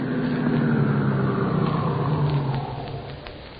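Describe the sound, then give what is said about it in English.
A stolen car, driven from Chicago, rumbles as it pulls up in front of a spacious Victorian residence in a small Nebraska city shortly after midnight, its low hum dropping in pitch and easing off as it slows and comes to a stop. No one speaks. “Shortly after midnight, the stolen car in which they had driven from Chicago pulled up in front of the spacious Victorian residence where their intended victim lived all alone.”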